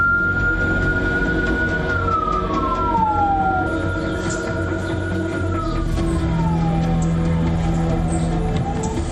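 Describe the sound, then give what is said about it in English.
An ambulance siren wails loudly as ambulances carry injured inmates from Kuruwita Prison, Sri Lanka, to a hospital, its tone sweeping down and back up in long slow glides over a steady rumble of traffic and engine noise, with no one speaking. “Later, many ambulances carried injured inmates to a hospital.”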